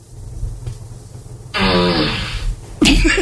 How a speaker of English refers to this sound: Alexa, ask for a fart. Oh, no. Oh, that's a shitty one. That's ew, ew. Alexa, ask for a fart.